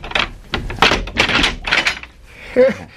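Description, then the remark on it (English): A heavy, strongly bolted prison door is unbolted and dragged open: a series of loud metallic clanks and thuds, ending in a short, shrill hinge squeal. “Even if all the guards were asleep, the sound of the door opening would awaken them.”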